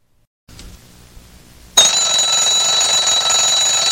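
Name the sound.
alarm clock ringing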